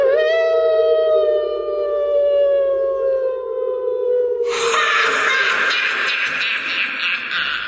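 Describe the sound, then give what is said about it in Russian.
A long, drawn-out wolf howl holds one tone and slowly sinks in pitch for several seconds, loud, then breaks into a harsher, rougher, noisier sound. No one speaks. “Хотел Минька закричать, и раздался протяжный вой.”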